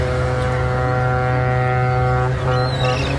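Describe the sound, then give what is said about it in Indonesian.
A deep, steady ship's horn blares continuously, loud and sustained with rich layered harmonics, holding its tone for the whole stretch with no voices; it is the horn of a Chinese cargo ship carrying rice, seen from afar heading to the dock. “Hingga pada hari keempat, mereka menunggu, dari kejauhan terlihat sebuah kapal Cina pengangkut bahan baku beras menuju dermaga.”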